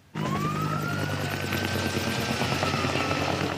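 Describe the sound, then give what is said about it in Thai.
A Greek fire service helicopter flies overhead to drop water on wildfires breaking out across Greece, its rotors thumping steadily and loudly, with a continuous engine whine droning through the whole recording and no voices. “หน่วยดับเพลิงกรีซนำเฮลิคอปเตอร์ขึ้นบินโปรยน้ำดับไฟป่าที่ประทุขึ้นหลายจุดทั่วประเทศค่ะ”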